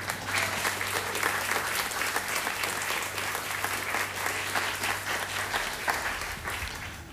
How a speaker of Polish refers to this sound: Brawo dla tego pana.